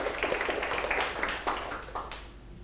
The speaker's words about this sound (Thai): ปรบมือให้กลุ่ม1หน่อยครับ